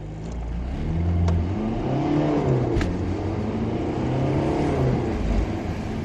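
A car engine revs and drives steadily for several seconds, its pitch rising and falling as it accelerates, moderately loud with no voices.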